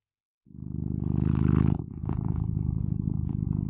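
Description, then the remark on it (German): A pet domestic cat named Lucky purrs, a loud, steady low rumble with a pulsing texture that begins after a brief silence and continues without a break. “Und das ist meine Katze Lucky.”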